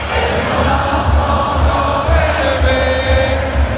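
A huge crowd of about 6,000 people at the Zénith in Dijon, France, where a match is shown on a big screen, sings La Marseillaise together on 14 July in a loud, sustained roar of voices, with a steady low thumping beat underneath and a few higher held notes rising toward the end.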